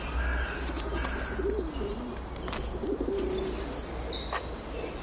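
Pigeons in a city coo in soft, low throaty bursts, two short phrases a second or so apart, over a steady outdoor rumble with a few faint bird chirps higher up.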